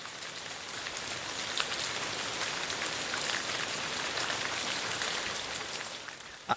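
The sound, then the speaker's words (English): Steady hiss of falling water, like a running shower or heavy rain, with dense pattering spread across the highs. It holds an even level throughout, with no voices. “I know what this sound is or what it's supposed to be, but it does sound like I'm in the shower right now.”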